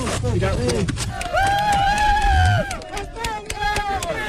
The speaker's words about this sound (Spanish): España, gritaban las fuerzas especiales de Colombia, El Salvador, México y, por supuesto, la UME.